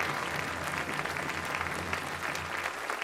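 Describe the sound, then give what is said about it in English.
A crowd applauds the Governor General, Madame Arbour, steadily throughout, a dense, even wash of clapping hands with no pauses or voices standing out, holding at a fairly constant loudness. “We begin, and let's give her applause.”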